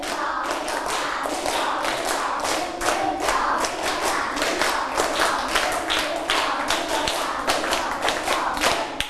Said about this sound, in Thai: ปรบมือ3ชุดไม่ผ่านเพราะว่าไม่มีเสียงพูดออกมาด้วยมันก็จะไม่พร้อมกันคราวนี้ปรบมือ3ชุด1 2